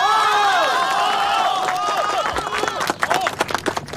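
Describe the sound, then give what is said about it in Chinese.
A crowd of villagers' chatter and overlapping voices give way to warm applause welcoming the village Party secretary to speak, the dense clapping swelling over the last couple of seconds while the murmur of voices continues underneath. “乡亲们，下面让我们用最最热烈的掌声欢迎秦支书为我们讲话。”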